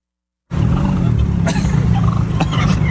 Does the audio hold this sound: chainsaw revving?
no